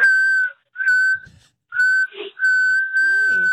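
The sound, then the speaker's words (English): A person whistles Happy Birthday into a phone on a voicemail, a sustained, steady pitch in several long held notes separated by short breaths, loud, with a faint voice murmuring briefly underneath toward the end. “That's an impressive whistle.”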